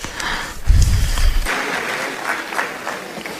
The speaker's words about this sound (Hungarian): Köszöntsétek őt egy nagy tapssal.